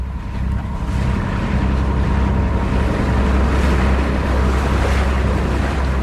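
A boat carrying rice, beans, oil, cans of fish and water containers to communities in Burma moves steadily across open water, its engine a constant low drone beneath the rush and slap of waves, with wind buffeting the microphone throughout.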